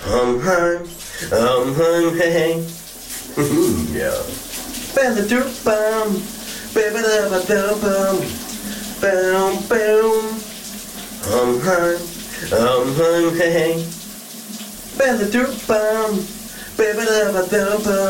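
A shower runs steadily with a constant hiss of spraying water while a man under it sings a summer hit by a Danish band, his voice rising and falling in phrases over the noise.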